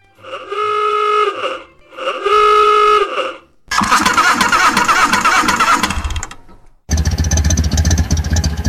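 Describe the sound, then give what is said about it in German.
A car engine cranks twice with a whining starter, then catches and roars loudly, revving up before settling into a heavy, rumbling drive as the car drives off. No one speaks. “Das kleine Gefühl von Freiheit, wenn man einsteigt, den Motor startet und einfach losfährt.”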